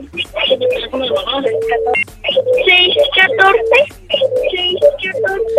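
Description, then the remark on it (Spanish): A caller's radio plays steadily in the background during a phone call, its voices and tones muffled and thin as heard through the telephone line, continuing for several seconds with brief pauses. “Bájale poquito a tu radio, porfa, para escucharte bien.”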